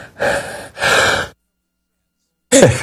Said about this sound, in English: Forgive my all my sneezing here. They got the AC on in the building.